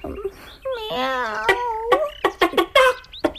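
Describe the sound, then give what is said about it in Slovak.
A hen that has come along with a cat clucks: a drawn-out, wavering cackle followed by a quick run of short, sharp clucks, loud and alone with no talking. “Nechápem, prečo s mačičkou namiesto psíka prišla naša sliepka.”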